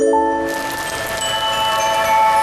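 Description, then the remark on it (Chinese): Steady rain begins falling in the desert after a brief moment, a dense hiss that fills the background while soft sustained musical tones and light tinkling notes ring over it. “我正式宣布，终于下雨了。”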